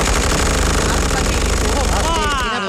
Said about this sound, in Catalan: Els soldats obren foc sense pietat amb unes metralladores amb gran potència de foc.